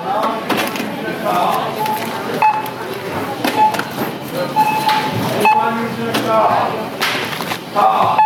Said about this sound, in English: So now I'm at the self-checkout. Let's see if I can talk through this. I'm not going to be able to, but you can hear the beeps.